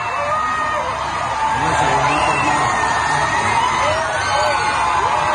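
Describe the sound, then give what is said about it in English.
A large crowd in Spain screams, whoops and cheers excitedly at a solar eclipse, many voices overlapping in a loud, sustained roar of shouting and yelling that never lets up. “People literally screaming there, like … coming out of the Eras tour.”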